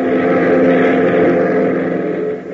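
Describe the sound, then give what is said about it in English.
A steady, loud propeller-engine drone from a Beechcraft airplane in flight, heading for the Greendale Airport 100 miles to the east, fills the whole stretch: a continuous throbbing hum with a faint dip in level near the end, with no voices. “15 minutes later, the boys are airborne in their Beechcraft, heading for the Greendale Airport, 100 miles to the east.”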